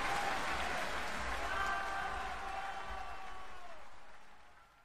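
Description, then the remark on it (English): A large audience applauds steadily after a singer sings Nessun Dorma from Puccini's opera Turandot, a dense wash of clapping with a few scattered calls and whistles, sustained for several seconds before fading near the end. “That's a very appreciative crowd, and I'm sure you recognize that voice.”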